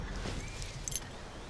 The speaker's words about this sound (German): Ein Schlüssel? Nicht ein Schlüssel, mein Schlüssel. Hä? Ja, den habe ich vor ein paar Wochen beim Waldlauf verloren.